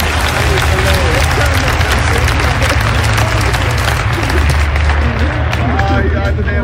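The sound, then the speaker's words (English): A church audience claps loudly and steadily during a service, a dense wash of many hands applauding at once, with a murmur of voices and cheering mixed underneath throughout. “Clap your hands.”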